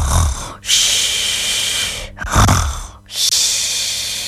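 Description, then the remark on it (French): Loud snoring of a sleeping concierge: about three long, rasping breaths in a steady rhythm, each with a rough snort and airy hiss, separated by brief pauses. No one speaks. “Amélie entend des ronflements.”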